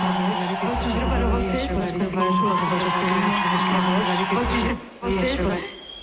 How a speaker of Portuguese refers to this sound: Obrigada pelo grito.